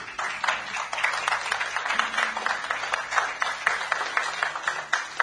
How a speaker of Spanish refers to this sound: Así que yo les pido un fuerte aplauso en sus hogares y aquí.